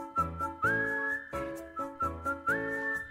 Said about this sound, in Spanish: Resulta que esa tonadita juguetona y sencilla capturó la atención de la audiencia, tanto que le pidieron que la repitiera una y otra vez hasta que se la aprendieron de memoria y de allí se fueron silbándola hasta el campamento.